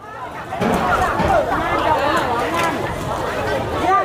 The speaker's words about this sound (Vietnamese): Năm giờ sáng, cảng cá Nghi Thủy, phường Cửa Lò, tỉnh Nghệ An đã rộn ràng tiếng máy tàu, tiếng gọi nhau bốc rỡ hải sản sau một đêm vươn khơi. Những khoang cá vừa cập bến nhanh chóng được chuyển lên bờ.